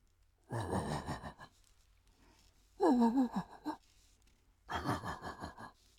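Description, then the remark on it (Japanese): A man over sixty imitates a large dog barking far off late at night in a residential neighborhood, three muffled, drawn-out woofs spaced a second or more apart, breathy and hollow. “まずは、大型犬。”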